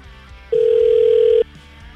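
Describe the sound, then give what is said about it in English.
A single steady telephone ring tone sounds for about a second as a call is placed, loud and clear over a quiet line, with no one speaking. “All right, let's give him a call.”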